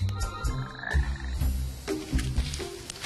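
A frog croaks repeatedly in low, rhythmic pulses, fairly loud, with a few higher chirping calls layered over the deep throaty rattles and no talking.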